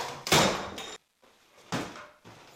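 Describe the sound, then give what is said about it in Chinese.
A construction crew demolishes an old, termite-damaged house: loud crashes and bangs, with heavy material breaking and falling in several bursts separated by short pauses, and rubble rattling between impacts. “送走了顾阿姨一家，老房子迎来了换新的时刻，施工队开始进行清拆工作”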